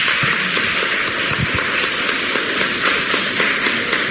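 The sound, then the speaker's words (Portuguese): A crowd at a Catholic religious service applauds pilgrims who came from various cities. The applause lasts steadily for about four seconds, a dense, even wash of many hands clapping at once with no break and no voices over it. “Uma salva de palmas para os romeiros.”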